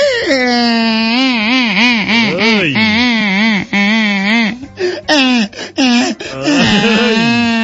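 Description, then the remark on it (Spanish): A voice imitates a stork crying, producing loud, wavering wails with rising and falling pitch, broken by a few short sobbing gasps before a final drawn-out, quavering cry. “Estaba llorando la cigüeña, paisanos.”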